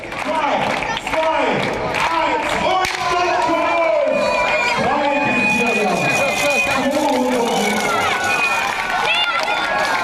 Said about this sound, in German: Den Anfang machten die 3- bis 4-jährigen Minis, die jüngsten Teilnehmer des Tages. Sie sprinteten los und begaben sich auf den 200 Meter Rundkurs um den Marktplatz, bejubelt von Eltern und Zaungästen.